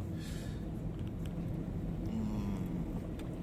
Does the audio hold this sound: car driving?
yes